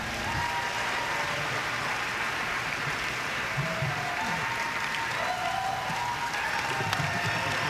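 Steady, sustained applause from a crowd, dense clapping holding at an even level throughout with a few faint voices and cheers mixed in.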